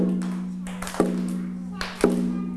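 Two sharp, fairly loud taps land about a second apart, marking a slow, steady beat over a constant low background hum.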